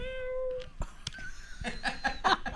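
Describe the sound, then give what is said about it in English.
A female cat gives one short, drawn-out meow, followed by a couple of soft clicks and then a burst of people laughing. “I guess she's just the right cat for me.”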